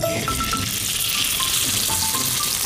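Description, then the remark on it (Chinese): Steady, loud sizzling of string-tied rolls of chicken thigh meat frying in a pan, a dense crackling hiss that runs without a break, with a few faint higher clinks and pops scattered through it. No one speaks. “现在呢，咱就可以下锅去煎了。”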